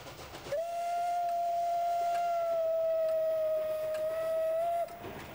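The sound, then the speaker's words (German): A branch-line steam locomotive of a friendly railway club, on a museum line to Sobrenice, blows its whistle in one long, steady, high-pitched note for about four seconds, then cuts off abruptly, with faint rumbling noise underneath and no talking. “Die Dampflok eines befreundeten Vereins dieses Flair nach Sobrenice zurück.”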